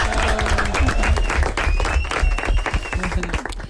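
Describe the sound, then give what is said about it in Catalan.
A crowd applauds with dense, steady clapping that holds at a fairly loud level for nearly four seconds, and a faint high whistle-like tone drifts through it. “Sí, part de clar, un aplaudiment.”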